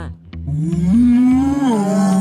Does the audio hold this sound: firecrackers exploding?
no